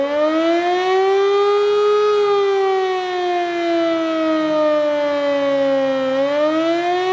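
A civil defense siren sounds steadily for the whole stretch during a test of the country's sirens, a loud harmonic wail that rises slightly, sags slowly, then lifts again near the end, with no voices.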